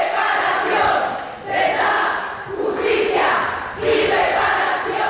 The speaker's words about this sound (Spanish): Por eso nos levantamos y gritamos durante 15 minutos verdad, justicia, reparación y olvido, no perdón.